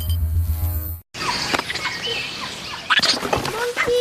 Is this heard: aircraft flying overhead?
no